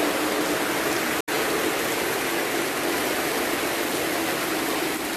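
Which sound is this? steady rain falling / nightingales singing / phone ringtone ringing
steady rain falling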